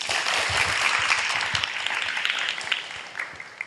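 A crowd applauds steadily, a dense wash of many hands clapping that holds strong for a few seconds before gradually thinning out near the end.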